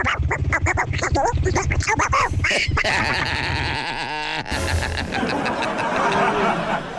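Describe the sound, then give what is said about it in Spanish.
A voice does a Donald Duck impression, a loud, raspy nasal quacking babble that runs almost continuously, with a brief warbling break midway. “Hoy en día de Chabelo, no es Chabelo, ya dijimos que era el Pato Donald.”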